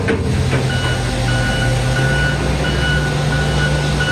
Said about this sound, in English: But earlier, the only sounds you were hearing were not of vehicles. They were of street sweepers and front end loaders.